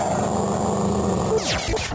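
A dog growls low and steadily, a rough continuous rumble, then breaks into a couple of sharp barks near the end. No one speaks.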